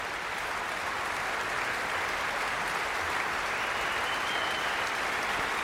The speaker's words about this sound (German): Gast sind sie heute Abend in der Musik- und Kongresshalle Lübeck beim Schleswig-Holstein Musikfestival. Und wollen sie gar nicht gehen lassen, habe ich das Gefühl. Jetzt kommt Paavo Järvi noch einmal herein und bittet alle aufzustehen. Viel Applaus.